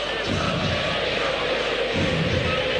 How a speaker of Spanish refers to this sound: A puro aplauso, Independiente